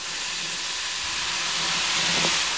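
Steady, loud fizzing hiss of a vigorous chemical reaction after about 100 ml of water is poured onto a mixture of powdered substances in a box covered with a lid, foaming and releasing gas, a broad rushing noise that swells slightly toward the end with faint low bubbling underneath.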